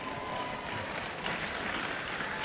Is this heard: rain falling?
no